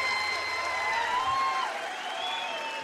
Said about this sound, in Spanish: un aplauso enorme para él. Gracias, México.